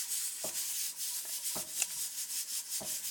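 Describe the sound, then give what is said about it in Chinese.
Scissors cut dry, brittle Liuyang rice noodle sheets into pieces for stewing with black goat meat, with three crisp snips about a second apart over a steady papery crackle and rustle, fairly quiet, with no voices. “粉皮剪碎”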